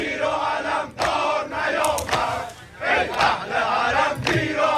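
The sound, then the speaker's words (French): A large crowd at funeral ceremonies before the Grand Mosalla in Tehran chants slogans of support for Khamenei in unison, loud, with rhythmic surges of many voices separated by brief dips, continuing steadily throughout. “Les participants tiennent des photos du leader suprême, de la musique religieuse est diffusée et régulièrement des chants de soutien à Khamenei éclatent dans la foule.”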